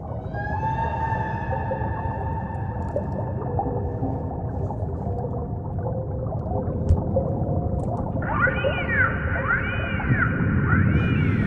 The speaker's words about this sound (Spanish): ¿Quién pudiera descifrar este magnífico lenguaje de las ballenas, ¿no? Los mamíferos más colosales de nuestro planeta.